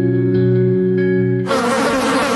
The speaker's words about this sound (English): There's nothing more annoying than the sound of insects buzzing around, especially inside your house because your screen door is letting them in.